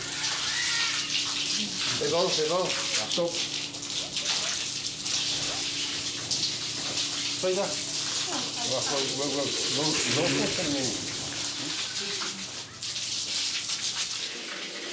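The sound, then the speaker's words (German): Water sprays in a steady, loud hissing rush that runs the whole time, used to chase an animal out of its room, while people talk over it in bursts. “Wir suchen jetzt wieder auf die harte Variante, indem wir sie versuchen rauszuscheuchen mit Wasser.”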